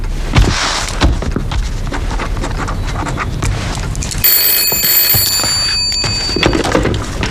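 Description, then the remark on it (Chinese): A phone rings with a bright, high-pitched electronic tone lasting about two seconds, rising over a busy, clattering background with no one speaking. “你们先出去，我接个电话。”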